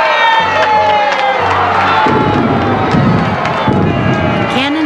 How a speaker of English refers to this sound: But the biggest jubilee was in New York. The Hudson was filled with boats of all kinds, packed with cheering people.